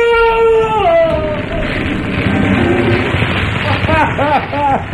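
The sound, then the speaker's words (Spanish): A metallurgical furnace fire roars and crackles in a dense, steady rush of noise, briefly crackling harder, with a drawn-out falling cry at the start and wavering tones rising and dipping over it near the end. “El fuego del horno crepita con más fuerza por un instante.”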